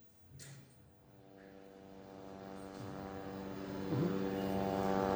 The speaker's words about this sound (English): Well, let me start by stating the fact it's actually becoming part of the daily normal right now is the drone hovering in the background in around this area, several parts across the Gaza Strip, already causing panic and stressing people out here